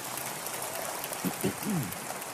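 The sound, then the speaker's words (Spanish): A steady, fairly soft wash of audience applause given for the Lord runs through the whole stretch, with a brief voice rising over it near the end. “Pueden darle un aplauso, Señor, que los veo muy serios.”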